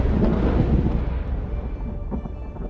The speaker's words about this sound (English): Storms.